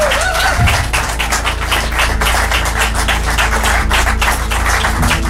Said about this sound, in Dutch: Onder begeleiding van een fantastisch applaus natuurlijk, Leuven.